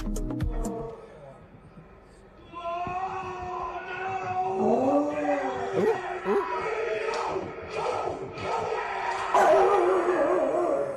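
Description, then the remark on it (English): Mushu, a 5-year-old dog, howls in long rising and falling wails along with a rugby team's loud group chant during their first test against the Springboks. Shouting voices and crowd noise fill the background. “5-year-old Mushu can be seen howling along with the team during their first test against the Springboks as part of the rugby's greatest rivalry series.”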